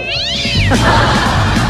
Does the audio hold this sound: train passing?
no